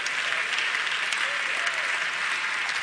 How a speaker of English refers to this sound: Thank all 20 of y'all for clapping on that. I appreciate that.